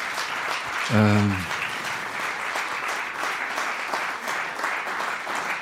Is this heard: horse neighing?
no